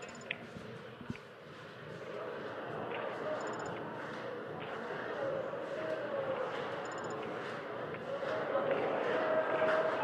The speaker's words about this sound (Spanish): Y ahora va a hacer ese cántico típico con las palmas arriba de todo el estadio que se hace todos los partidos de final. Vamos a escucharlo.